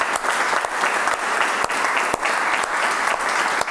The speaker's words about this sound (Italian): E beh, insomma, intanto ti facciamo un applauso